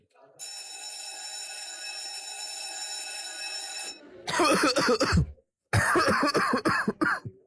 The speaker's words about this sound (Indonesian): kamu batuk dari tadi. Ah, ini mah biasa. Masuk angin, kecapean aja.